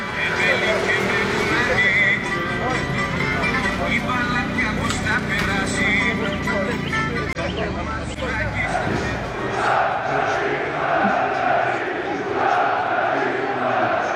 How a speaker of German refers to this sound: Im Stadion 30.000 Zuschauer, die Paok-Fans singen in einem durch.